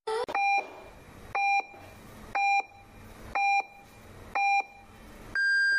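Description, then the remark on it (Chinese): Radio time signal on Fengning Media Center's general radio station, FM 101, marking 7:30 in the evening: five short, evenly spaced beeps about a second apart, then a longer, higher-pitched final tone. Clear, with no talking. “现在为您准确对时，现在是傍晚7:30。”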